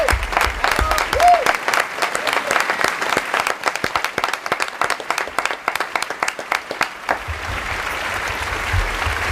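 An audience applauds steadily for several seconds for the late actor Tony Canal, the Spanish voice of Winnie the Pooh, dense overlapping claps at a strong, even level before easing slightly toward the end, with a brief whistle early on.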